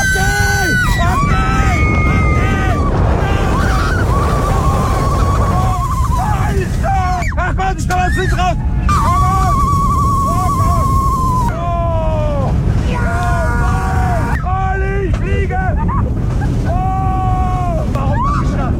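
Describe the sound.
A roller coaster ride: a loud, steady roar of rushing wind fills the whole clip, while riders scream and shout again and again, their voices swooping up and down in pitch.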